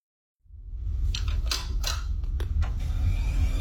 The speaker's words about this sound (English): The familiar sound of a computer booting up. You're probably near one right now. A phone in your hand, a laptop open in front of you. Switch it on and somewhere inside a small piece of silicon starts doing sums, billions of them, every second.